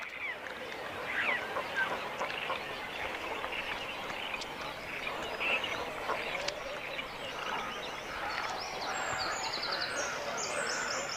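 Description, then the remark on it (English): Young cormorants call at the nest in a dense, continuous chorus of harsh, raspy squawks and croaks. The level stays steady throughout, with thin, high chirps creeping in toward the end. “The parents care for the young birds together and feed them food from the crop, an enlargement of the esophagus.”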